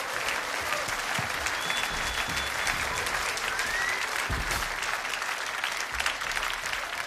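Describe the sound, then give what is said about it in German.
Sustained applause from a concert audience at the Schaffhausen Jazz Festival for singer Yumi Ito and her band, a dense steady wash of many hands clapping at an even loudness throughout, with a few faint whistles rising above it. “Sie sind bei Jazz in Concert und das ist der Applaus für die Sängerin Yumi Ito und ihre Band, die vergangenen Mai live am Schaffhauser Jazz Festival aufgetreten ist.”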